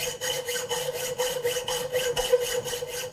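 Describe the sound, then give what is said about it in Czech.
A blacksmith works a thin metal file back and forth in a steady, quick rhythm, about ten scratchy strokes with a faint metallic ring underneath and no voices. “A já zatím vytáhnu tady ze šuplíku tenký pilník.”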